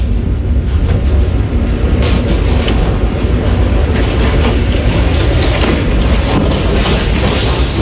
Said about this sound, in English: Bro, there's a tornado outside right now. The house is just to paint the picture. The house is visibly shaking. About a split second after he says this. Bro, there's a tornado outside. All of the lights go off.